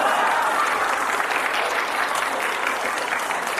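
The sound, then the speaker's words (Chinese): An audience, including children, breaks into laughter and applause on cue, a dense, steady wash of clapping that holds at a fairly loud, even level for the whole stretch, with no one speaking over it. “预备，连乐带鼓掌。”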